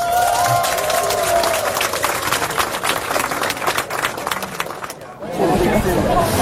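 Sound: audience applause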